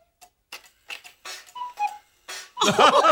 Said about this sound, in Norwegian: Neimen, det er en klokke! Ja, hurra og tikk-takk! Å, så fint! Nå kan jeg telle alle timene!